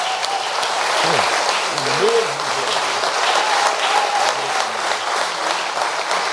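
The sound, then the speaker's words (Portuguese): A church audience applauds Jesus steadily, a dense wash of clapping from many hands, with a voice speaking and some vocal sounds rising over the applause. “Privilégio, vamos aplaudir a Jesus.”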